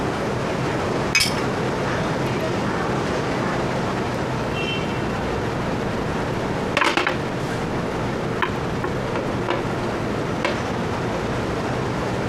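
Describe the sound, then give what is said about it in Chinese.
A few sharp glassy clinks ring out over a steady, busy background din, one near the start and a small cluster later, like glasses tapped together in a toast. “来，干杯。结束我们的游戏生涯。”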